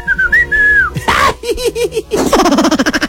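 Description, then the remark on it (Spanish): A person whistles a short, wavering tune, the pitch sliding and rising, followed by a quick run of rhythmic chirpy notes and a brighter trilling finish. “Día del silbido, Whistle Day, así se le llama, Whistle Day, Día del silbido.”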